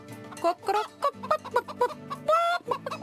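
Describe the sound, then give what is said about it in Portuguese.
A rooster clucks in a rapid, uneven series of short, fairly loud bursts, with one longer drawn-out call near the end, over a soft, steady low hum in the background. “O galo foi o primeiro a reparar.”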